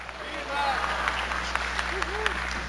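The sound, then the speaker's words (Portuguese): A crowd at a religious service, standing as asked, applauds steadily: dense overlapping clapping that holds at an even, fairly loud level throughout, with scattered voices calling out over it. “Não, mas aplaude de verdade.”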